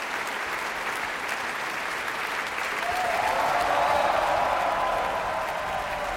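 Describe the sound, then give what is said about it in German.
A large opera audience applauds steadily and enthusiastically for singer John Holiday in the role of Ruggero, the clapping swelling a little louder midway with a faint wash of cheering, continuous dense applause filling the whole stretch. “Das ist der Applaus für John Holiday in der Rolle des Ruggero. Große Begeisterung im Publikum.”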